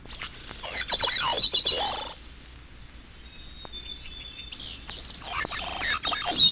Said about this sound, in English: Olive-backed thrush. Wood thrush. Gray-cheeked thrush.